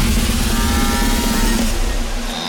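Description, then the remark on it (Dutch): A loud, drawn-out burp from a woman, a well-known Dutch television personality, rumbles for about two seconds as a single low, throaty croak with a steady pitch, with no talking around it. “Dit is de boer van een BN'er.”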